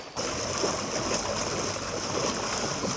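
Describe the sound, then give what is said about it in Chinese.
A steady, loud rush of fast-flowing floodwater as the Guanshan River overflows a road, up to 70 cm deep, near Guanshan Town, Danjiangkou, China, continuous, with a churning, gurgling texture and no voices. “道路一侧的关山河河水已经漫过路面，最深处积水足有70厘米。”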